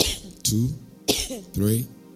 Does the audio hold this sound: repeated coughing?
yes